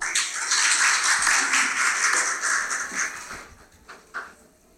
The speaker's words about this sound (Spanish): La recibimos con un afectuoso aplauso.